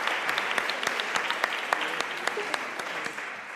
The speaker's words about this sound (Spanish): No pasa nada, un aplauso, venga, para animarle a subir. Que a veces la timidez puede más que el premio, no pasa nada.